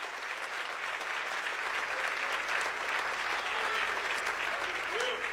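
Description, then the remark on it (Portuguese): An audience applauds the Lord for his word, a dense, even wash of clapping holding at the same level for several seconds without pause, with no voices rising above it. “Você consegue aplaudir ao Senhor pela sua palavra agora?”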